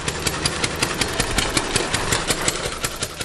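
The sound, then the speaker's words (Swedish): The small four-stroke engine of the Reitwagen, an early wooden motorcycle with a top speed of 11 km/h, runs steadily, chugging in rapid, even pulses with a rough, rattly buzz, much like a lawn mower. No voices. “Ja, nu lät den första motorcykeln inte så här eftersom Reitwagen, som den kallades, var gjord av trä och hade en fyrtaktsmotor med en topphastighet på 11 km i timmen.”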